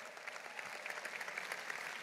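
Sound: audience applauding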